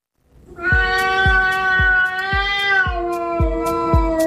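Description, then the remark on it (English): A cat named Ollie, having just spotted his number one enemy, lets out one long, loud, unbroken yowl, holding a steady moaning pitch that dips slightly partway through, while soft low thumps repeat at an even pace underneath. “that yowling sound is my cat, Ollie.”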